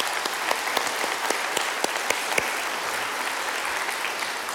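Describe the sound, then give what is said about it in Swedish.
An audience at a conference claps steadily for a few seconds, a dense patter of many hands with a few sharper claps standing out; no one speaks. “Så det är verkligen en applåd, tycker jag.”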